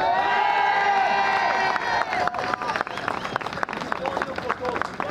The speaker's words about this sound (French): On salue particulièrement la présence des étudiants de l'École nationale de la photographie. On peut les applaudir.